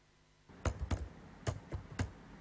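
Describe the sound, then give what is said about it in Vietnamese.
A man types on a computer keyboard in a small house at the foot of a mountain in Tà Điệp village, Vĩnh Thạnh commune, Gia Lai province, Vietnam, writing about Ba Na Kriem culture; a handful of sharp, irregular key clicks spread over a couple of seconds over a quiet background. “ông Giang Danh vẫn đều đặn gõ bàn phím mỗi ngày”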